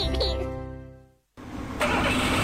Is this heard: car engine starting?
yes